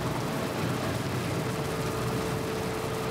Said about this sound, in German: Während die LKW mit 80 Sachen und einem Meter Abstand an ihnen vorbeirauschen.